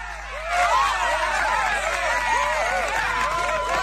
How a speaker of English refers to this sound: You've got to let the cheering die down. That's it.